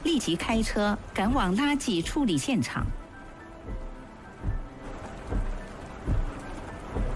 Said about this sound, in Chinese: 众人没说几句，窗外突然下起了倾盆大雨。我去，真下了！